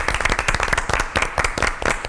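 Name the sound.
applause from studio audience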